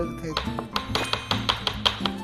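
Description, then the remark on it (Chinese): A knife pounds chicken breast meat on a cutting board, raised high and brought down with the wrist, in a quick, steady series of about a dozen sharp knocking thuds, with a person talking over the chopping. “你们听到那个声音吗？咚咚咚咚咚咚咚咚咚咚咚。”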